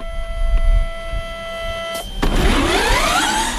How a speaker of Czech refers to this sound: prakticky celého postavili studenti. Takové je závodní auto studentské formule.